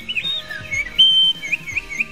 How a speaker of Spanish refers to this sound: Fíjese que, a propósito del cantar de este pajarito, la sorprendente razón de por qué el canto de los pájaros calma el sistema nervioso.